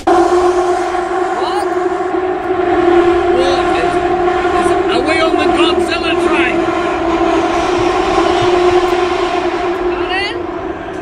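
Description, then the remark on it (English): A train's wheels screech metal on metal inside a tunnel: a loud, continuous, droning shriek with high squealing chirps flickering over it, filling the whole stretch without letup. “It's like, you know, when metal scrapes metal and I felt the sides of the train were hitting the tunnel.”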